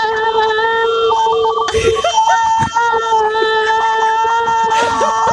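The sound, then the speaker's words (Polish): A single voice holds one long, loud scream of the word "weekend" at a steady, fairly high pitch for about 19 seconds in a contest, while other voices briefly shout encouragement over it. “powiem czas start i ty wtedy zaczynasz krzyczeć weekend”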